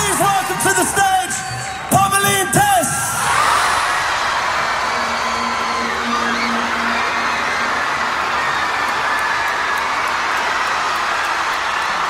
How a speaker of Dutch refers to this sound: Hoor dat publiek schreeuwen. Insane hoe zot iedereen werd.